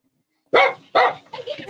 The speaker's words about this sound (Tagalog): Gagi. Yan na may aso na naman.